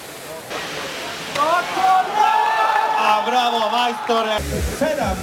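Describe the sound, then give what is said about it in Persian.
A steady rush of falling water from a 22-metre waterfall in Bosnia roars, with excited crowd voices and shouts rising over it for much of the time, during an annual international waterfall diving competition. “مسابقات سالانه بین‌المللی پرش از آبشار امسال از آبشاری به ارتفاع 22 متر انجام شد.”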